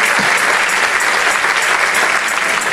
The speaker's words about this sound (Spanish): Si ese es el aplauso, dáselo más fuerte al Señor.